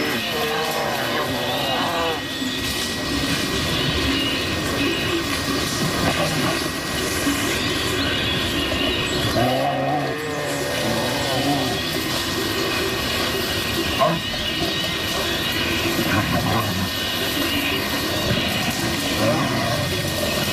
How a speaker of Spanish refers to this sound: Aquí escuchamos cómo una pareja de osos, un macho y una hembra, posiblemente en celo, están destrozando el monte.